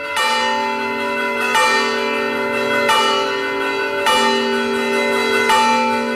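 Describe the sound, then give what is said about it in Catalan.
Church bells swing round and peal in a steady, repeating rhythm, a characteristic bell toll called the Barram, each loud strike ringing out with rich overtones that linger and overlap into the next, with no voices present. “Com van girant les campanes, que és un toc de campanes característiques, diu la Barram.”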